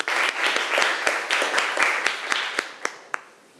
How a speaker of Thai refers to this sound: มารับชมการนำเสนอของกลุ่มที่1กันครับขอเสียงปรบมือหน่อยครับ